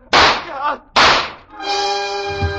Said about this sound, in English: Her gun spit and three slugs plowed their way through